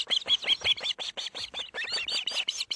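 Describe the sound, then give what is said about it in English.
A male osprey gives a rapid series of sharp, high whistled chirps, about five per second, loud with no pause, while delivering a fresh catch to his mate and chicks at the nest; no voices present. “And this bird is delivering a fresh catch to his mate and chicks.”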